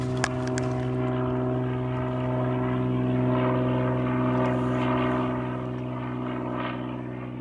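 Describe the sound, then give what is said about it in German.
A low-flying propeller aircraft drones steadily, a loud, even engine hum with layered low tones that holds throughout and eases only slightly toward the end, flying below 600 metres over a coastal seabird breeding and resting area, where such flights are logged as a disturbance. No one speaks. “wir schreiben einmal auf, wo der Flieger ungefähr lang fliegt”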